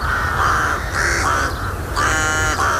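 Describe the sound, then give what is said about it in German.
A group of rooks cawing loudly and continuously in the Kreis Wesel district of Germany, harsh overlapping calls repeating in quick succession, with a low rumble of background noise and no talking. “Die Krähen, Saatkrähen, um genau zu sein.”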